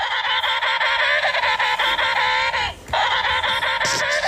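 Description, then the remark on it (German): An emperor penguin call played from a new animal-sound book, loud and strongly harmonic, a buzzy warbling trumpet held for several seconds, briefly broken by a short gap before resuming. No one speaks over it. “Unsere Tochter hat ein neues Buch mit Tiergeräuschen. Und da klingt der Pinguin so.”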